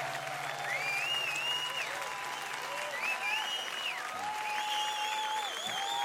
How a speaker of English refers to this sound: You can witness it and see it now on the stage, because they are coming from a traditional background and they are doing it easily with us today. So please, big applause